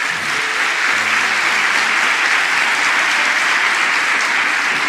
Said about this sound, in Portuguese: E o Espírito Santo disse para mim assim: pode aplaudir o Senhor.